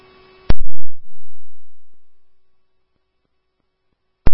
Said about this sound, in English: Grove, 220 Ave, Ambulance 1, these are your tones for the BLS cardiac at 8340, Goodview Avenue South. The time is 23:19.